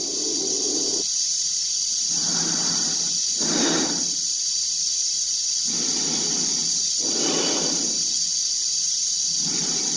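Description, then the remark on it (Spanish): Slow, heavy breathing of an astronaut in a space capsule, amplified through the helmet transmitters, each inhale and exhale a loud airy rush over a constant high electronic hiss, repeating roughly every two seconds with no talking. “A través del cristal de la cápsula y del de su casco se ve la cara tensa de Dave, cuya respiración se amplifica por los transmisores.”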